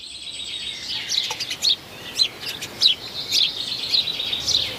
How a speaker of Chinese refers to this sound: 雀鹰站在屋顶上观察着周围的动静，一只赭红尾鸲发现了它，随即发出警报。